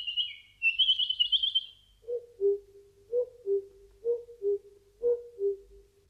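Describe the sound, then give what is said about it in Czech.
Birds singing: a bright, high warbling trill for a couple of seconds, then a lower two-note call repeated four times at a steady pace, clear with no voices. “ptáci zpívali.”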